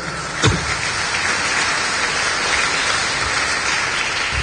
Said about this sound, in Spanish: ¿Cuánto dan palmas al Señor?